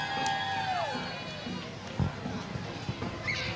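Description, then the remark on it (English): A crowd cheers and shouts steadily outdoors for a St. Joseph's dance troupe called Seducers with glittery pom-poms, with a high whistling cry sliding down near the start and a single dull thump partway through the continuous din. “Give us a big cheer, can they? Can they do that?”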